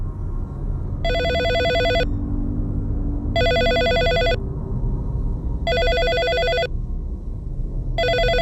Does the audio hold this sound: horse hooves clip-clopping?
no